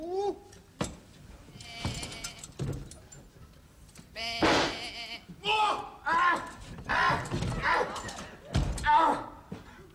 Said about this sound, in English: Now, normally a sheep is a placid, timid creature, but you've got a killer.